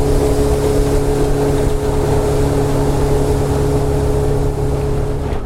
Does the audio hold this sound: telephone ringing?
no